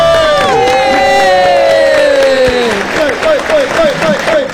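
A crowd claps and cheers loudly and steadily to welcome the day's special guests, opening with a long, falling whoop, then a run of short, rhythmic high-pitched yells over the clapping.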